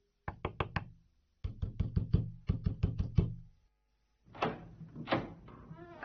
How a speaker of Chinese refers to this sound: 一家人打得正热闹，警察听到响声，急忙跑过去使劲的敲门。